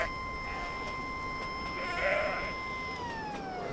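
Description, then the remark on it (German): A narrow-gauge train on an inspection run along a roughly 100-year-old line sounds its siren for goats grazing on the track: one long, steady, reedy tone that holds for several seconds before sagging lower in pitch at the end, with a brief brighter swell partway through. “Wenn sie die Sirene hören, wissen die genau, wer kommt und machen Platz.”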